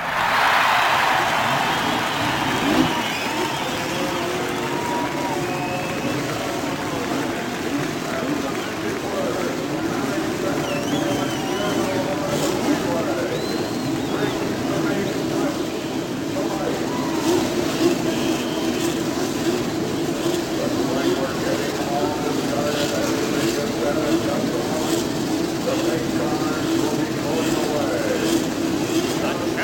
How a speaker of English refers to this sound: Historic rectangular-shaped racetrack in the center of Indiana. The pace cars are ready. The engines are fired.